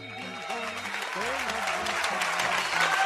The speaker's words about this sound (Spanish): Ah, qué alegre, otro aplauso. Aplauso para los abuelitos. Dios bendiga a los abuelitos y a las abuelitas.